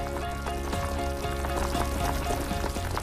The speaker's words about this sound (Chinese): 竹柴入火，竹焰升腾，只需要放入最普通的底料，在沸水的加持下，自然的竹清香缓缓漫开。它既中和了辣锅的油腻，也调出了鲜美的竹香高汤。